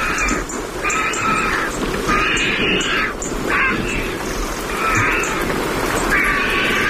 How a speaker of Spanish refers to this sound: y al fondo se están secando las plumas, los buitres. Ahí están. Con ese cacareo y una garza real.